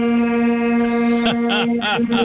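A loud, continuous air horn blast holds one steady, brassy tone for a couple of seconds, with brief voice-like sounds breaking in over it near the end.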